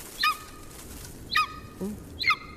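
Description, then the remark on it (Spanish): A golden eagle calls three times, each a short, high, yelping cry with a slightly falling pitch, spaced about a second apart and heard clearly against a quiet outdoor background. “Es un águila real.”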